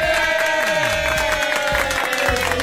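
A burst of crowd applause with cheering, dense rapid clapping that stays loud and steady for a few seconds, with a faint sustained tone running underneath.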